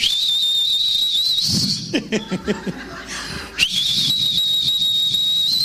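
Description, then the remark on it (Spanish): A steady, high-pitched whistle from a pressure cooker with meat cooking inside hisses loudly for a couple of seconds, breaks off for a burst of chuckling laughter, then resumes just as strong and continuous. “Usted mete la olla de presión, la carne.”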